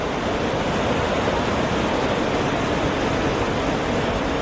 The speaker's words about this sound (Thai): รถม้าพระที่นั่งได้เดินทางมาถึงน้ำตกลาเตฟอสซึ่งมีความสูงถึง165เมตรเป็นน้ำตกที่ยังคงได้รับความนิยมจากนักท่องเที่ยวมาจนถึงปัจจุบัน